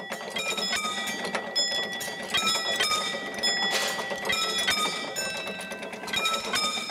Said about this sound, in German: Da kommt auch schon der Ton und dann gehen wir jetzt die Schranken schließen.